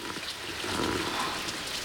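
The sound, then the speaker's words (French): Steady rain from a leaking garage gutter patters onto a hollow plastic basin in a garden, a dense, continuous drumming of drops with faint tapping accents, moderately loud, with no voices. “Et c'est toi, la pluie, qui tambourine sur une cuvette en plastique.”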